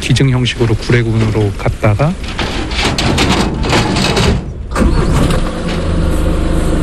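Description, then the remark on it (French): A truck engine turns over and catches, then settles into a steady rumbling idle. Voice-like calls sound briefly over the start. The truck is carrying two rescued bears, Dolly and Souni, to the Gouré refuge near Mont Djili National Park in the south of the country. “Après avoir été auscultés, Dolly et Souni sont embarqués à bord d'un camion, direction le refuge de Gouré, près du parc national du Mont Djili, au sud du pays.”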